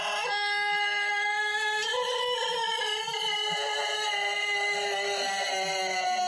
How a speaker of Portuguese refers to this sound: Esse é o galinho do Tizil, agora vai cantar o galo músico lá do manezinho da Saniago, da região das Lages. Bom dia.